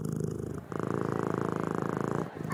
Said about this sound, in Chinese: 他在呼噜呼噜叫，是不是肚子饿啊？